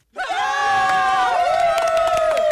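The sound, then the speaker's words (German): A loud crowd cheers and yells in sustained, high-pitched voices, with scattered clapping breaking through, applauding volunteers such as those in the fire brigade, clubs or the church. The noise starts abruptly and stays at full volume throughout. “Dieser Applaus hier, ne?”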